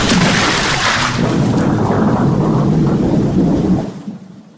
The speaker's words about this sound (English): The wind shrieked and groaned. The rains pounded down. The gusts tossed and shook the small sparrow around.